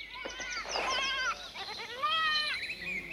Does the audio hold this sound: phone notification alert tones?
no